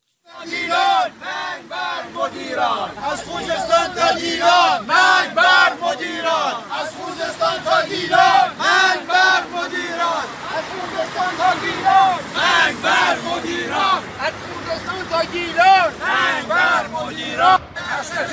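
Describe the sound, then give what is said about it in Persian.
A large crowd of protesting retirees chants in unison, loud voices rising and falling in a steady rhythmic cadence of slogans against being paid pensions in rials while paying costs in dollars and against their loss of purchasing power, with a dense babble of shouting beneath the repeated calls. “معترضان در شعارهای خود به دریافت حقوق به ریال و پرداخت هزینه ها به دلار و همچنین کاهش شدید قدرت خرید خود اعتراض کردند.”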